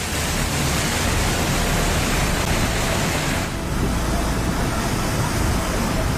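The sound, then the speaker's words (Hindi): A loud, continuous roar of rushing floodwater and churning waves, from rain-driven flooding in Jammu and Kashmir and Ladakh, India, fills the whole stretch, steady, dipping only briefly midway, with no voices. “हाहाकार करता हुआ सैलाब तेजी से आगे बढ़ रहा है। लहरों का शोर इतना ज्यादा है जो खौफ पैदा कर रहा है।”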